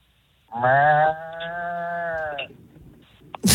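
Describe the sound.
A person imitates a bull's bellow with one long, drawn-out lowing call lasting about two seconds, loud, followed by a short burst of noise at the end.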